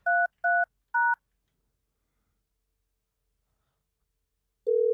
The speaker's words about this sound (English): Let's see. Well, that would be a dial tone. We'll await the ringy dingies.